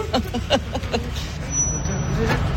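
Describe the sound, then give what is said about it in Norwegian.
A bus rumbles along a street at a spot where many passengers get off, its low engine drone swelling and holding steady through the second half, with brief voices and street hubbub at the start. “Jo, men det klart det buss opp her også da.”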